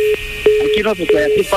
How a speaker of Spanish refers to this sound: ¡Ya nos colgó el teléfono!